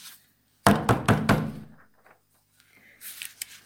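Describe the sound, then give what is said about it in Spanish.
Four loud, heavy knocks strike the door of a home in quick succession, resonant, followed by a brief quiet and some faint shuffling and rustling. “Pero la paz duraría poco, ya que se escucharía un fuerte golpe en su puerta.”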